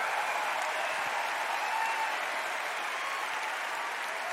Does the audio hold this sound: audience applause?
yes